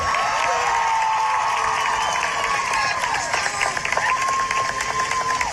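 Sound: crowd cheering and applauding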